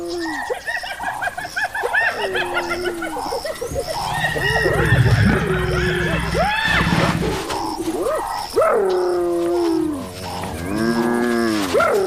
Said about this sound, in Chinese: 斑鬣狗的叫声是不能把沼泽地雌狮赶走的。